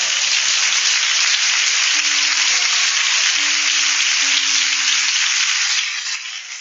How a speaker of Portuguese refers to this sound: Palmas exalte o Senhor.